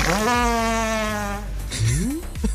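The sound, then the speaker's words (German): A long, loud, buzzy fart with a strong steady pitch, recorded by a man from Rostock who travelled into the cold to capture it, ending in a short upward-squeaking blurt. No talking, just the one drawn-out sound. “Und um diesen Pups einzufangen, ihr habt richtig gehört, musste er in die Kälte reisen.”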